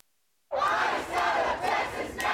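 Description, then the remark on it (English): A large crowd of Houston community protesters outside a Houston City Council shouts and roars together against immigration and customs enforcement operations, a sustained dense wall of raised voices swelling in loud surges with no clear individual words. “Fury from members of the Houston community as they call for an end to the immigration and customs enforcement operations in their state.”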